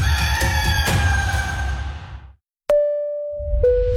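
A loud rooster crow rings out with a harsh, drawn-out call in a radio advertisement for Gallo Macallo, then cuts to a brief silence before a sustained, steady tone takes over.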